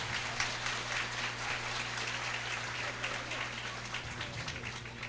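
An audience at the opening Mass of the Trezenário de Santo Antônio applauds their priest together, a dense, steady wash of clapping that holds at an even level for several seconds, with a low constant hum underneath and no talking.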